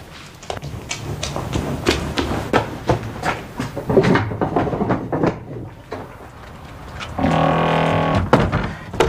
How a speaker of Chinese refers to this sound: 快去开门，我去开门。